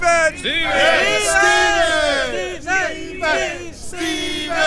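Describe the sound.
A large crowd chants a name over and over, many voices overlapping in loud, raised shouts that swell in rhythmic bursts with brief dips between them.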